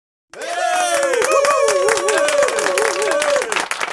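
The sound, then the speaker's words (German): A burst of crowd applause with dense clapping and cheering voices, played for the phone callers who also solved today's puzzle, starting abruptly, holding steady and loud for about three seconds, then cutting off. “Dieser Applaus war für alle, die ich sonst noch dran hatte am Telefon, die das Rätsel heute auch knacken konnten.”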